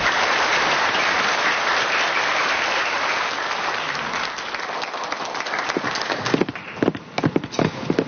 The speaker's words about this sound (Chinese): 好的，从现场的掌声呢，我们已经可以感受到了滨海科大的项目得到了众人的认可。